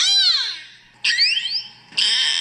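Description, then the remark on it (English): Beluga whale calls at Chicago's Shedd Aquarium: a loud, squeaky whine slides downward, then high chirps sweep upward, then a steady, buzzy tone begins. Three separate bursts with brief gaps and no talking. “Chicago's Shedd Aquarium recently took in some beluga whales in need of a new home.”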